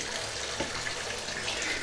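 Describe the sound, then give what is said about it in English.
Cold tap water pours steadily into a bathtub and splashes over feet, a continuous hissing gush that holds even throughout, with no voices. “Oh, that feels nice. Cold water on my feet.”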